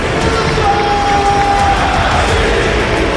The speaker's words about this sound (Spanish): Te pone la piel de gallina realmente oír al estadio cómo ruge apoyando a un jugador como Diakabi, pero lo has comentado tú, es un jugador muy querido, de verdad.